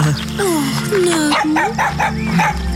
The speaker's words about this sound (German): Keine Angst. Es ist nur ein sehr kleiner Hund.